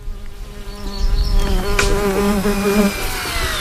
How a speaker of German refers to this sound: In der Ostukraine gibt es mittlerweile eine Drohneneinheit, die die russische Logistik Tag für Tag angreift und in der nur Frauen arbeiten. Gestartet werden die Drohnen dabei mitten im Feld oder in einer Wiese.